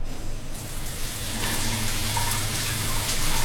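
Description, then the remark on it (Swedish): A shower runs steadily, a dense hiss of spraying water that swells in the first half second and then stays constant, with no voices. “Men om du slår på en varm skön dusch, då händer följande.”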